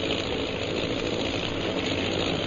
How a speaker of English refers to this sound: Oh, those sure are some planes. They must be bombers.